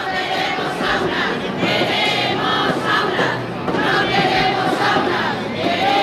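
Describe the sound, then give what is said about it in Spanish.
A large crowd chants and shouts together in a steady, loud roar, voices rising and falling in rhythmic waves throughout: the Marchas por la Dignidad protest march of hundreds of people from 50 social, neighbourhood and union groups moving through the streets of Murcia on a Tuesday. “Un año más, las marchas por la dignidad han recorrido las calles de Murcia.”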